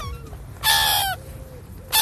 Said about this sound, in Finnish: Ja mä väitän, että myös se semmoinen, että se lokin huuto, niin siinä on jotain semmoista, että se pelottavaa. Sitten kun sä kävelet yksin sen jäätelötöttörön kanssa ja sä kuulet sieltä jostain, tiedät sä tämän äänen.